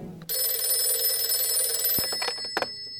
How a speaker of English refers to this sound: And the next thing I knew, I was wakened by the phone ringing.